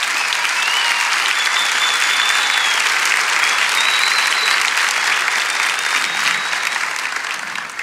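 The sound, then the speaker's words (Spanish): Sustained, loud applause from an audience giving a round of applause to Jesus, a dense steady wash of clapping with some faint cheering, holding level for several seconds before easing slightly at the end. “Amén, vamos, dale ese aplauso a Jesús.”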